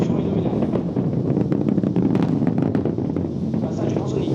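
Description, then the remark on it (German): An Ariane rocket launch heard from almost 8 kilometers away, at an observation point outside a wide restricted zone: the thunder of the huge boosters, a steady, loud low roar that rolls on without pause, peppered with sharp crackling pops throughout. “Fast eine halbe Minute dauert es, bis auch der Donner der gewaltigen Treibladungen über fast 8 Kilometer bis zum nächstgelegenen Beobachtungspunkt außerhalb eines weiten Sperrgebiets herübergerollt ist.”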